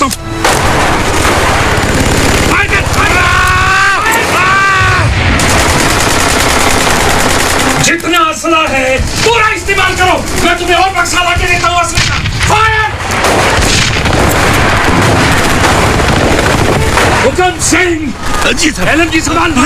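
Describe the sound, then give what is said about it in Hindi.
Heavy gunfire from Chinese soldiers at Rezang La rattles almost nonstop in loud, rapid bursts, mixed with deeper artillery blasts, while a man's voice talks over the battle noise. “Major Shaitan Singh बारी बारी से दोनों चौकियों में चीनी सैनिकों की भीषण गोलीबारी के बीच बिना सुरक्षा के भाग भाग कर जाते और बचे हुए सिपाहियों का हौसला बढ़ाते।”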